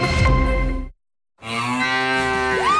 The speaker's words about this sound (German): Finde eine der letzten beiden muhenden Müllermilchflaschen